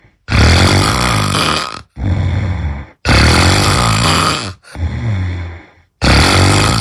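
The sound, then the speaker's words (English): Very loud, rasping snores alone, the winning entry in last year's loudest snore contest, with harsh rattling breaths alternating with slightly softer, throaty ones in a steady back-and-forth rhythm of about five heavy pulls and pushes. “Now, that one last year as the loudest snore,”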